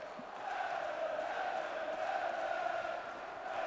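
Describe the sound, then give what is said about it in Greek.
A large football stadium crowd roars and shouts after a Middlesbrough headed goal makes it 1-0, in a sustained, dense wall of voices that holds steady at a loud level for the whole stretch, with no individual words standing out. “Και ο κόσμος ξεσηκώνεται, φωνάζει.”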